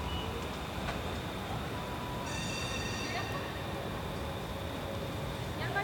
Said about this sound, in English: That's what I'm hearing. Oh, the noise is the train. Beeping noise.